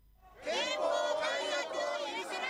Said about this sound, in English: On a Tokyo street corner under pouring rain, a crowd gathers, holding up drenched posters and flags. Stamped on them in big, bold Japanese characters, a simple message: no war.